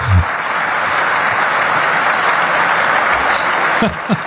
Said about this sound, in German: Aber es gab ja viel, es gab viel Applaus. Ich meine, so viel Applaus ist Merz ja gar nicht mehr gewohnt.